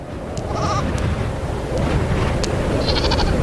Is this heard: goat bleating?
yes